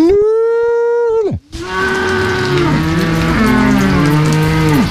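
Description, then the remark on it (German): A farmer gives a long, steady drawn-out call that drops off sharply, a brief pause, then several cows on an alpine pasture moo back at once, their deep overlapping lows continuing loudly to the end. “wenn sich eine Kuh und ein Kalb zusammenrufen, klingt das ähnlich”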